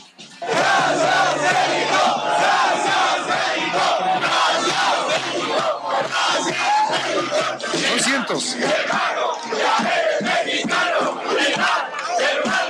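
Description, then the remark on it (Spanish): A large crowd of Iran football fans in Mexico shouts and chants together, a loud, dense wall of voices that stays steady for the whole stretch with rising and falling cheers. “Vamos a escucharlos gritar para reconocer la hospitalidad que nuestros paisanos les han brindado aquí en nuestro país.”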